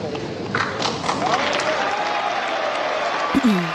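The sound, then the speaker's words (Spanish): Sustained applause from a large audience at the presidential inauguration ceremony of de la Spriella, president of Colombia, a dense steady wash of clapping with a faint voice or two mixed in and a brief thump near the end. “Un aplauso para él.”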